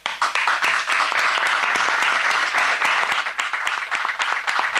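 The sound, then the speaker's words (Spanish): Sustained applause from many hands, a dense, steady patter of claps holding at an even loudness for several seconds with no voices over it. “Bueno, yo te aplaudo.”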